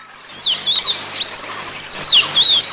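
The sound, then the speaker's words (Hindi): A small bird perched on a rose branch in the evening chirps in quick, sweeping high-pitched tweets, several bursts in a row over a few seconds, with a faint rustle between calls and no voices. The bird has a red neck shading to blue at the edges and glossy black wings. “उस दिन संध्या समय उन्हें देखते देखते सामने की गुलाब की डाली पर एक चिड़िया आन बैठी।”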